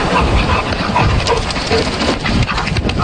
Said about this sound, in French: Comment ça sonne, un canard et un chien qui jouent ensemble? Évidemment, il y a des vidéos qui ont été faites de ça, diffusées sur les réseaux sociaux. Soyez très attentifs. Vous allez entendre le chien qui respire et le battement d'ailes du canard.